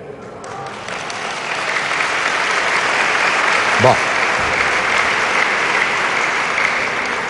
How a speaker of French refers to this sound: Je vois que ce ne sont les femmes qui ont applaudi, c'est pour dire « Demain, faites comme tu veux ».